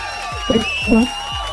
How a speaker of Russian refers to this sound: И эти аплодисменты тоже для тебя.